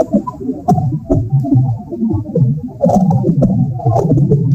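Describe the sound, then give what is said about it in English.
Muffled crackles and pops of soil, picked up by a microphone stuck into garden dirt, scattered irregularly over a low throbbing rumble, with sharper clicks standing out now and then. “We're calling them cracks and pops and stuff, and it's pretty alien sounding.”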